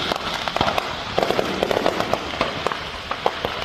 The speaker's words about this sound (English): Sparks flew into the air when a fireworks stand near Tulsa, Oklahoma, caught fire and detonated on Saturday. It is not clear what started the blaze. Fortunately, though, nobody was injured in the small town of Broken Arrow.